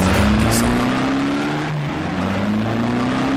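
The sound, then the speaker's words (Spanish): A car engine revs hard as the vehicle speeds along, its pitch climbing steadily, dipping briefly, then rising again, loud with a constant roar of road noise. “¿Estás viajando sobre el límite de velocidad?”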